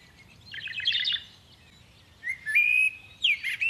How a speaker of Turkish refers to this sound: Bu kuş sesini siz de duydunuz mu? Evet, sanki bizden yardım istiyor gibi. Ses şu taraftan geliyor.